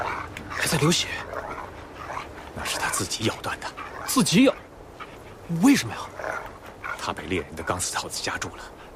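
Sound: injured wolf whimpering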